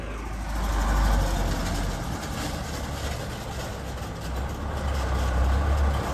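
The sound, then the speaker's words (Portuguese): A heavy truck loaded with construction materials, sand and cement, rolls slowly past, its deep engine rumble loud and steady throughout, with a rough rattling jolt as it drives over a pothole; nobody speaks. “Esse barulho todo, é realmente o veículo passando aqui no buraco, e é um veículo pesado, é um veículo que está carregando agora materiais de construção, areia e cimento, e passa aqui”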